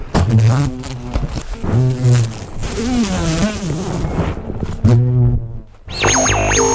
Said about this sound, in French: Mais c'est un mastodonte, il est énorme. Alors, monsieur l'abeille, qu'est-ce que tu as à dire? Monsieur Bourdon, plutôt que l'abeille.